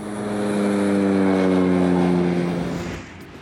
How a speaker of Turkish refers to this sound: Lima Otel piste doğru taksi yapıyoruz. Evet, denizin yani aslında buzun üzerinde olacağız.